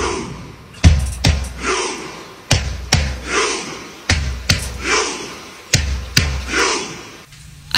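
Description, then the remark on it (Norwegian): A crowd of Norwegian football supporters performs their own World Cup chant in a steady rhythm, with loud paired thumps of clapping or drumming repeating every second or so, a swell of voices between each beat. “De norske supporterne har liksom funnet på en egen sånn supportergreie til VM som høres sånn her ut.”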